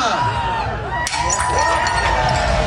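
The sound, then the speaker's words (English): A loud crowd at the Taste of the Danforth festival in Toronto's Greektown cheers and whoops continuously, with a sharp crash about a second in as Mayor Olivia Chow smashes a plate in Greek tradition, followed by clinking fragments as the cheering swells. “Mayor Olivia Chow joined the Greek tradition last night when she smashed a plate.”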